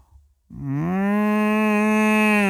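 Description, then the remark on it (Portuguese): A person imitates a cow's moo, a single loud, sustained low bellow that starts abruptly after a brief quiet moment and holds steady to the end. “Eu estava a fazer cacilheiro, não estava a fazer mugido. Então faz mugido.”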